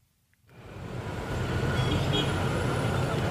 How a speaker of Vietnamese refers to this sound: Giữa dòng phương tiện đông đúc trên quốc lộ 1, một chiếc xe ba bánh tự chế chở đầy sắt hộp, dài gần gấp đôi thân xe, len lỏi qua các làn đường.